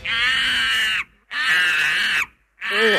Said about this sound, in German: Ja, das bin ich auf der wilden Maus, auf der Kruger-Kirmes. Naja, okay, eigentlich war das ein Affe, der kreischt, aber so ungefähr hört sich das auch bei mir an, wenn ich auf der Achterbahn bin.